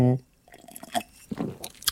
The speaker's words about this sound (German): rülpst live im Radio, aber so ist es.